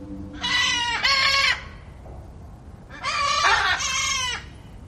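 Two loud, harsh, drawn-out macaw squawks ring out, each lasting about a second, separated by a short pause over a low background rumble of a huge macaw aviary at London Zoo in the UK.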